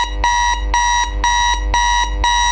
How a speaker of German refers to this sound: Bis dann der Wecker zuschlägt.